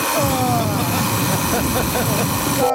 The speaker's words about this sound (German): Oh Gott. Das war hart. Ja, aber so klingt doch dein Wecker, oder nicht? Eher so wie der erste.